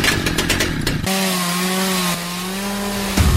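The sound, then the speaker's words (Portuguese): A chainsaw roars loudly, chewing through wood with a rough, gritty rasp, then settles into a steady high-pitched engine whine before revving back up at the end. “Chegou a sua chance de mostrar habilidade, precisão e potência no torneio de motosserra Husqvarna.”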